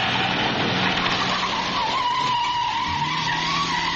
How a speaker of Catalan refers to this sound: Atracaments amb arma blanca, cotxes robats i fugides de la policia a tota velocitat.